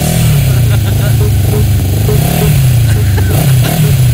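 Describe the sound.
A motorcycle engine idles and revs up close, its low throbbing drone rising and falling in pitch across a few seconds, loud and continuous, with a voice talking over it.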